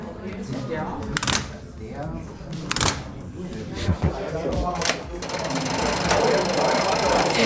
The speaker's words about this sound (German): Ja, so klingt die Einfahrt eines Zuges von Treben auf Gleis 4, rein signaltechnisch. Und die ganzen Hebel und Kurbeln gehören zu einem 7 Meter langen Stellwerk.